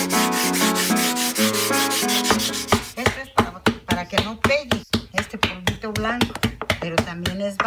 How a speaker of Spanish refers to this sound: Esta pasadita de agua es para que alice esto, mira. Esta piedrita tiene uno que alisar por fuera.